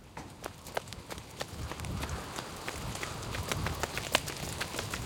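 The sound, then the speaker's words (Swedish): Quick, uneven running footsteps of people running all the way back to Gula slottet (the Yellow Castle) in pouring rain patter along with sharp impacts roughly every half second, set against a steady low rumble of background noise. No one speaks. “Sen springer de hela vägen tillbaka till Gula slottet.”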